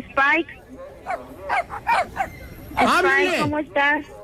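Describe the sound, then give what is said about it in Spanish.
A medium-sized German shepherd puppy with brown paws and a black body whines and yelps in a string of short, high-pitched cries, then lets out one longer falling whimper before a final brief yelp. “Está chillando, perrito.”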